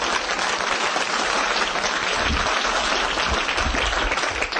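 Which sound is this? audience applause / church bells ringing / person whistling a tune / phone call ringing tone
audience applause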